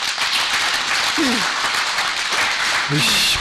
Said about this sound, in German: Ich bitte wirklich um Ruhe. Ich kann das verstehen, aber es bringt nichts, wenn Sie hier uns Beifall klatschen, weil es müssen ja die Fragen beantwortet werden und ich halte viele für berechtigt.